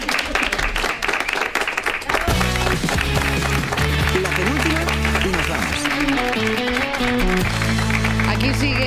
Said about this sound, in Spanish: Un aplauso, claro,